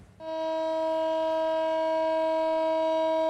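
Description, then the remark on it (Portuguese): A memorial siren sounds for one minute in Tel Aviv, Israel, on a Wednesday marking three years since the Hamas attack of October 7; a steady, sustained tone starts abruptly and holds at a constant pitch and loudness, a single unbroken wail with no voices present. “Uma sirene tocou por 1 minuto em Tel Aviv nesta quarta-feira.”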